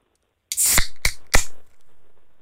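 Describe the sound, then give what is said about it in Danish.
A beer can snaps open with a burst of bright, fizzing hiss, followed by two more sharp metallic clicks, then a faint low rustle. No one speaks. “Den første dåse, den kommer her.”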